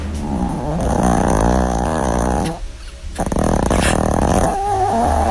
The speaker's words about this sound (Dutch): Niet alleen bij mensen met SCH hebben dromen, maar ook dieren hebben dromen. Ik heb hier een opname van onze weilen hond, die op dat moment een lucide droom heeft.